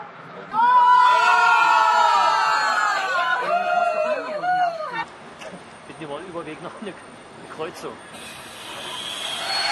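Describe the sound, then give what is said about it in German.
A large group of football fans watching a World Cup match live on a train bound for Östersund cheer and shout together in a loud burst, with rising and falling whoops for several seconds, then fading into scattered chatter and murmuring with a steady hiss underneath. “Eine große Runde Fußballbegeisterter hat sich für Fußball entschieden, dieses Spektakel im Zug live zu verfolgen.”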